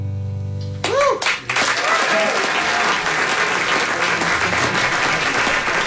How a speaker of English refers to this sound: I love that non-recognition applause. What I mean by that is people were going, what is this? We've never heard this song. It's amazing.